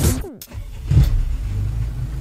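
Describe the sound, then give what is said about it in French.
A car engine rumbles steadily, with a brief whirring sweep near the start like an electric window motor, and no voices. “Waouh, pas vraiment une bombe l'auto là.”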